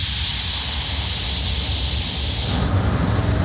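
A vintage train brakes hard with a loud, steady hiss over a low mechanical rumble; the hiss cuts off abruptly near the end, leaving only the rumble.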